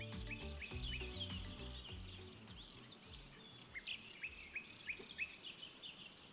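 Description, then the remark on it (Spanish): In spring, birds chirp and sing in repeated short bright calls while crickets trill steadily underneath; for the first two seconds a low musical tone fades out beneath them. “Bueno, además de pájaros, el aumento de las temperaturas anima a que los grillos salgan de sus nidos al calor.”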